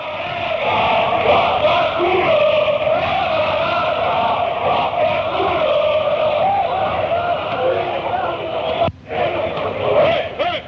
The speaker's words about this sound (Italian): Quindi qua diciamo che diventa più noioso tutto il canto, sì, sì. Perché sono i canti sempre per la partita.